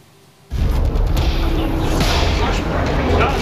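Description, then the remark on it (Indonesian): After a moment of quiet, a sudden, loud explosion from an Israeli military airstrike hitting a residential area in South Lebanon on a Wednesday, recorded by a journalist's camera, bursts in, followed by a heavy, continuous rumbling roar that holds steady until the end. “Kamera wartawan merekam detik-detik serangan udara yang menghantam permukiman”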